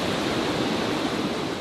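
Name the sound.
waterfall pouring water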